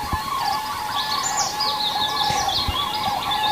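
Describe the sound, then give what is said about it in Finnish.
A European robin sings a thin, warbling stream of high phrases in the morning, over a steady outdoor hum with moor frogs among the other faint calls beneath; no one speaks. “ja viitasammakoita ja punarintaa.”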